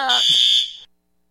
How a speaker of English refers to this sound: Got a bit of a fire alarm incident here.